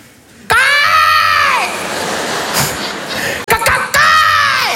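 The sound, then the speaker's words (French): A person screeches loudly like an angry cockatoo, improvising a cry meant to scare off something approaching: two harsh, strained cries with a raspy, rising-and-falling pitch, with no other sounds around them. “Une sorte de cacatoès énervé, tu vois, une sorte de pélican caïra un peu.”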